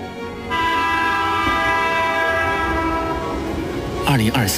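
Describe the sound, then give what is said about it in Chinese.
High-speed train C6226 pulls into Guanghan North station on 27 May 2023, its horn sounding a loud, steady, sustained blare over the rumble of the rails, with a brief burst of other sound near the end. “2023年5月27日 C6226 磁高铁驶进了广汉北站”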